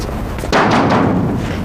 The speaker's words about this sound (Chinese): 敲门。